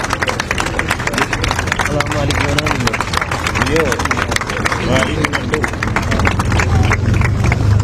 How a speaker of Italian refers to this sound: Sta iniziando a piovere, ma il presidio continuerà ad essere qui in Piazza Fontana. Adesso ci sono gli applausi.